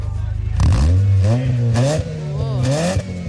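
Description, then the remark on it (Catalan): A car engine idles low, then revs up hard as the driver gives it gas and holds a loud roar, with a couple of quick throttle blips toward the end. Loud, with no talking. “El cotxe és inconfusible, no te confonguis de cotxe. Dóna-li gas, gas, gas.”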